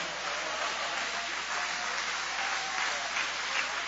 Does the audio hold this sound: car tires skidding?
no